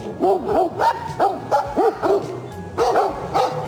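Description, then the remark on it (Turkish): Several stray dogs bark repeatedly in a rapid, agitated burst while fighting two bears that came down from the mountain onto the road, in Soğuk Su National Park, Kızılcahamam, Ankara, Turkey. Their overlapping barks and yelps are loud, with a frantic, quarrelsome rhythm. “Başıboş köpekler dağdan yola inen ayılarla kavgaya tutuştu.”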